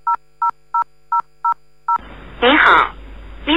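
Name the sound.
telephone call being dialed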